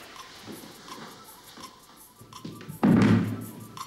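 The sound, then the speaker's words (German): A single heavy wooden clatter and thud as a chair tips over backwards onto the floor, loud, after a few seconds of quiet room tone. “Stuhl nach hinten kippen.”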